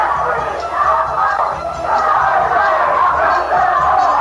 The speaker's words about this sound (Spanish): Han comenzado aquí en la sala, alcanzo a distinguir desde la cabina donde estoy, unas mujeres que están gritando y un individuo que trata también de promover desórdenes. Asesino, grita.